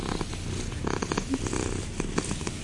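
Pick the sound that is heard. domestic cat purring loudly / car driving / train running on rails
domestic cat purring loudly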